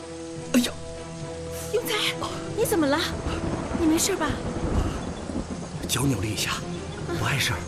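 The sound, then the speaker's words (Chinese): Thunder rumbles low and continuously through the whole stretch as rain is about to fall, outdoors among trees, a heavy rolling roar beneath several voices calling and talking over it. “要下雨了，快点，快，咱们走吧。”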